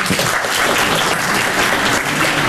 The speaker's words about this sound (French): Moi, par exemple, j'aime pas travailler. Applaudissez ceux qui aiment pas travailler.